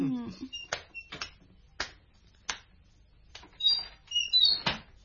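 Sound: door being opened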